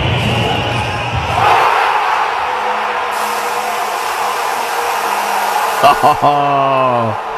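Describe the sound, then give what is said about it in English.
A huge crowd in St. Louis, Missouri, celebrating a win, roars in a continuous, loud wash of screaming and cheering. The din swells partway through, and a few sharper shouts ring out near the end. “Across the entire country, screaming, cheering, all of us in unison across this great country, the best country in the world.”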